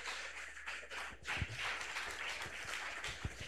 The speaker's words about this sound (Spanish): Levantemos todas nuestras manos, todos levantamos vuestras manos sin ira, sin contiendas, y vamos a recibir al hombre de Dios con fuertes aplausos para el Señor Jesús.